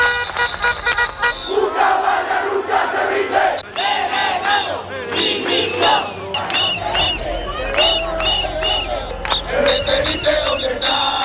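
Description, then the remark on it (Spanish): A large crowd of protesters in the streets of Ceuta, Spain, shouts and chants in unison against the central government's handling of the migration crisis, voices rising in loud, rhythmic bursts with whistles and a car horn or two cutting through the steady roar. “en un clima de máxima tensión, los ceutíes han vuelto a salir a las calles para protestar por la gestión de la crisis por parte del Gobierno central cuando se cumplen justo hoy 4 semanas de la entrada masiva de migrantes a la ciudad autónoma.”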